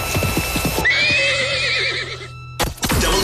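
A horse gives a loud, drawn-out whinny lasting over a second, wavering as it trails off, preceded by a quick run of rhythmic hoof clops and followed by a short burst of noise.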